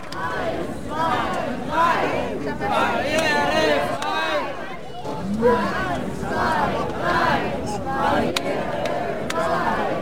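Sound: crowd applause and cheering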